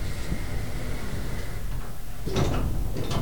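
Elevator doors slide shut after the button is pressed, with a low mechanical rumble and hum, ending in a brief clunk as they meet, with no one speaking.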